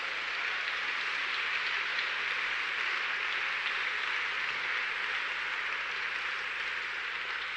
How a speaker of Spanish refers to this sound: Dele un aplauso a Él.